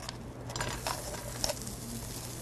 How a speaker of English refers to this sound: And in the same pan, we're gonna drizzle a little bit of oil. We're gonna add in our carrots.